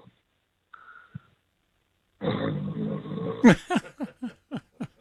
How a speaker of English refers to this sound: Or is that you snoring?